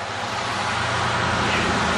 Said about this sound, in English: must be the fire truck.